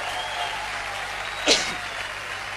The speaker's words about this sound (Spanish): Si le vas a aplaudir con fuerza.